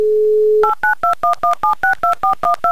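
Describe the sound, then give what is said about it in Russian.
A steady low dial tone gives way to a quick run of eleven touch-tone beeps, each a short two-pitched chirp, keyed in a brisk, even rhythm as a phone number in Murmansk is dialed. “Итак, набрали мы номер Александра.”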